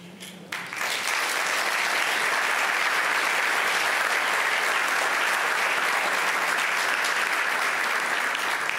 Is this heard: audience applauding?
yes